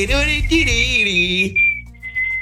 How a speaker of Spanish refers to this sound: No, pero como el chiflidito que hiciste, dije,